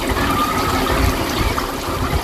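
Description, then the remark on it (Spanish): Water runs steadily from a beach foot shower tap in Águilas, Murcia, as someone rinses their feet, a continuous hissing splash with no pauses, fairly loud, spraying onto the ground. “Ducha de pies en Águilas, Murcia, que era la resolución al Suena la Vida”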